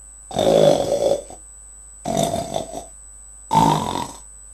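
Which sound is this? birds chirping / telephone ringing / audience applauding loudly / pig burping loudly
pig burping loudly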